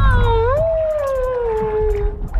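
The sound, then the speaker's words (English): A long, mournful whale call heard through a hydrophone dropped into the Alaskan ocean from boats with engines turned off. It slowly rises and then glides downward in one sustained tone, rich in overtones, over a constant low underwater rumble and faint bubbly crackling. “We would turn the boats off and drop a hydrophone in the water and sit out in the sort of the pristine Alaskan ocean in perfect quiet, sit with my toes in the water and my eyes closed, and we would listen to the whales.”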